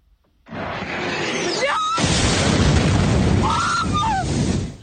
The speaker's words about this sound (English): The sound of just one of many explosions in the Ukrainian capital Kyiv in the early hours of this morning. The country's air force said the city had been pummeled by waves of Russian attacks, about 74 missiles in all and nearly 500 drones.